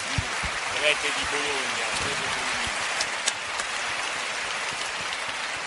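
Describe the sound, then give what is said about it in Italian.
An audience claps steadily for several seconds to welcome a guest, a lecturer in spiritual theology and exhibition curator. A dense, even crackle of many hands, with a voice speaking briefly over the start. “E gli farei un applauso per essere qua con noi.”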